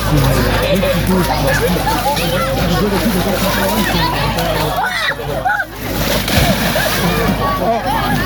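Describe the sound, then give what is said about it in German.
Steady, fairly loud splashing and sloshing of water as people at a festival in Alsdorf jump into the water and splash each other, under a continuous hubbub of children's voices and crowd chatter. “Springen ins Wasser, machen sich nass, haben jede Menge Spaß dabei.”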